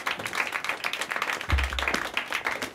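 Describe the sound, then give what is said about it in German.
Dense crowd applause, many hands clapping in a steady, noisy wash that holds at a fairly even loudness, with a low rumble briefly joining midway. “Jetzt einen fetten Applaus für meine Nachfolgerin”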